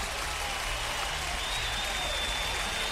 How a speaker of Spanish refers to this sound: De Molina, un aplauso para Molina, claro que sí.